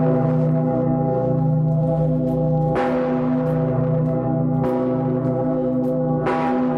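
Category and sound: signal or alarm, large cathedral bell ringing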